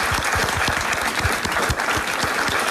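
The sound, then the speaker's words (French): Sustained audience applause on a game show for the day's finalist, a dense, steady wash of many hands clapping at an even loudness throughout, with no voices standing out. “On peut vous applaudir encore.”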